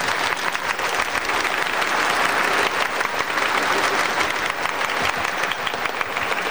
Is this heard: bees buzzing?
no